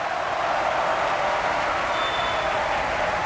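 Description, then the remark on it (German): Sustained, dense applause from a large opera audience at the Bayerische Staatsoper, for mezzo-soprano Irene Roberts after her role debut as Sieglinde in Wagner's Die Walküre. A steady wash of many hands clapping at an even level throughout, with no voices standing out. “Auch sie bekommt eine Menge Applaus.”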